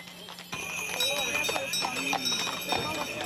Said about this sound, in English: The kilometer-long procession set off from the railway station in Zlatar Bistrica and arrived in Marija Bistrica for a blessing at the Shrine of Our Lady. Some pilgrims made the entire journey on horseback or in horse-drawn carriages.